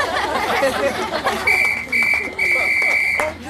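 A referee's whistle shrills three times to end a football match, two short blasts and then a longer one, piercing and high over a steady murmur of crowd chatter.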